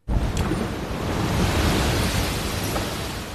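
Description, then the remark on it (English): Loud, roaring surf crashes continuously, a broad rumbling wash of big ocean waves breaking on the shore in San Diego during coastal flooding, shaking the ground, with deep low-end thunder and no voices. “I'm not sure if you could see that as it happened, but a huge tide just came in that shook the entire ground where I'm at right now.”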